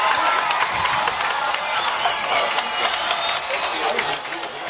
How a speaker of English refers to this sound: As the fourth quarter begins, the light show has hit Jake Field, and the players are hyped up. Listen to this crowd.